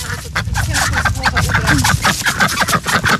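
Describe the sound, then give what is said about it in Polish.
A busy chorus of ducks quacking nonstop, calls overlapping in quick irregular bursts, loud, with no clear pauses between them. “Ptaszysko widać tylko kuper tej kaczki.”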